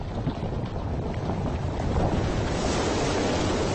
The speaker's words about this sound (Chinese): 冰川崩塌，海水翻涌，冰山的诞生绝对是最壮观的自然现象之一。